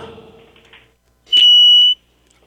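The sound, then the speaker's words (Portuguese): A single loud, high-pitched electronic beep as a phone call drops, lasting about half a second after a stretch of faint, muffled line noise, then silence. “Sumiu, ó. Acho que caiu com o telefone e tudo lá.”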